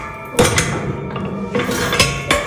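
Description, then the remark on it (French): A heavy door of the Fort de la Motte Giron in Dijon, France, being opened, with loud metallic clanks and rattles at irregular intervals and a dense, grinding resonance between them. No one speaks. “Je vous laisse ouvrir la porte pour qu'on entende bien en direct.”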